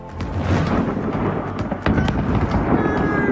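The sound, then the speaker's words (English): A heavy, continuous rumbling roar of a massive explosion with fireworks, with sharp crackles and pops throughout, a sudden louder burst midway, and a thin whistling streak near the end. “All I see is fireworks, and not in a good way. That will catch your attention for sure. What caused this massive explosion?”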